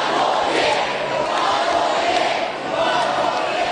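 A large crowd of Brisbane Lions fans at the Premiership Parade in Brisbane chants together in a loud, steady roar of massed voices, urging coach Fagan to stay on in 2027, sustained without pause for the whole stretch, with a slight dip near the end.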